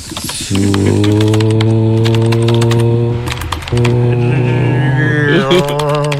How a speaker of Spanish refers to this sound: A ver, otra vez escriba en el teclado.